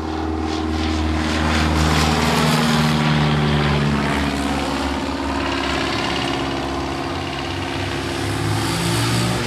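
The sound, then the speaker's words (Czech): A propeller airplane, not a fighter but an aircraft closely linked to the Second World War, drones loudly overhead, its engine a steady, throbbing roar with shifting harmonic tones as it passes, filling the whole stretch with no voices. “Nám tady nad hlavou přeletěl letoun, skoro jako kdybychom se ocitli v těch 40. letech.”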